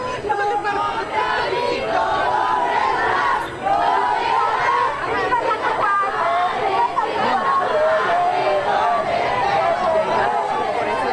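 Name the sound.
protest crowd chanting slogans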